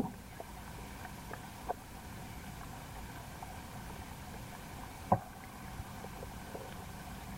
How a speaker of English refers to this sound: You're listening to the waves from Waveform through the pond at Waveform. Zakpost Pond Station has hydrophones at the bottom of the pond. Waves from the water in the pond reach your ears through radio waves.